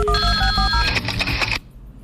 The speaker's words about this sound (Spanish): le suena el teléfono.